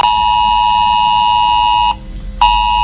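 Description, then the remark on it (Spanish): A loud, harsh ES-Alert emergency alert tone on a mobile phone, sounding in a mid-morning test drill of the system in Quer, Guadalajara, Spain, blares steadily with a buzzing, multi-toned pitch, cuts out briefly for about half a second, then resumes. No one speaks. “Si vives en Quer, en Guadalajara o cerca, debes saber que en tu teléfono móvil sonará a media mañana esto.”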